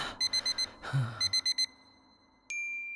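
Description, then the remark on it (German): An electronic alarm clock beeps in two quick bursts of four high, sharp pips, clear, followed by a sudden steady electronic tone that holds to the end. “Da klingelte der Wecker.”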